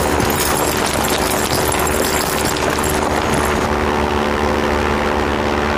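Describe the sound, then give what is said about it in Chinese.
A steady, loud engine drone with a propeller-like throb, like a plane passing overhead, its high hiss easing slightly toward the end as it moves away. No one speaks. “哎，是飞机！”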